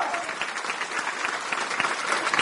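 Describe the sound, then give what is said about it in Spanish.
A crowd claps steadily as applause for the Lord, many hands producing a dense, continuous patter of sharp claps at moderate loudness, with no voices rising above it. “Y todo el pueblo dice, aplauso para el Señor que quiere darnos vida y vida en abundancia.”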